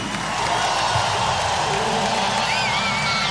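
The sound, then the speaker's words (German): A large crowd in front of a stage cheers and claps loudly for the stage crew, steadily throughout, a dense wall of noise with a shrill whistle rising out of it near the end. “Und jetzt noch lauter für unsere Crew.”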